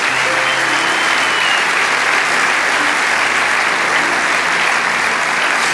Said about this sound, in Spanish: Vamos, dale ese aplauso.